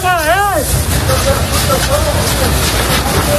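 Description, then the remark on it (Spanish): A brief wavering siren wail opens a busy emergency scene as Military Emergencies Unit crews fight a wildfire house by house to protect homes in the Community of Madrid, Spain; a steady, loud rumble of engines and roaring noise continues with voices murmuring underneath. “Ahí podemos escuchar a los equipos de la Unidad Militar de Emergencias peleando casa por casa, defendiendo, trabajando sin descanso para proteger a la población y sus viviendas.”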